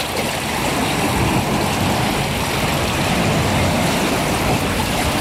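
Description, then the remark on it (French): Water laps and sloshes steadily at a beach, a continuous watery wash with no break and no voices. “Le clapotis de l'eau et une petite horde de goélands argentés qui virevoltent autour de moi.”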